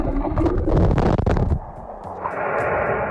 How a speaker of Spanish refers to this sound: Fijaos, esto que escucháis es el sonido del motor de un buque percibido desde el fondo del mar.